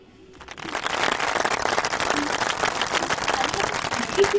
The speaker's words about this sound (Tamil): சரியா சொல்லிட்டீங்க, உங்களுடைய சொந்த முயற்சியில. அதனால இன்னொரு தடவை கூட கைத்தட்டல் கொடுக்கலாம், தப்பே கிடையாது.